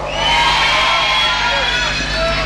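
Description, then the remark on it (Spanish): A live crowd at an orchestra concert in Casilda, celebrating the town's 119 years, cheers and shouts loudly in response, a dense, sustained roar of many voices with whoops and high-pitched children's cries, lasting a couple of seconds. “No escuché, ¿cómo la están pasando?”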